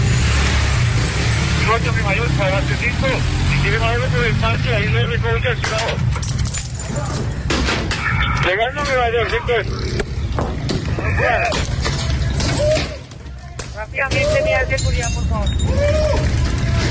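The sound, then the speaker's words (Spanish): A chaotic street clash in the La Leona sector of La Estanzuela as women attack police with stones and sticks: many voices shouting and yelling over one another while hard objects clatter and bang repeatedly, with steady traffic and engine noise underneath. “Con piedras y palos, así recibían a la policía estas mujeres que organizaban todo lo que pasa en la Estanzuela.”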